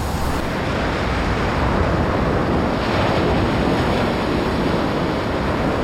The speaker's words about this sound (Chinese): 这里狂风呼啸，风速通常可达每小时110公里。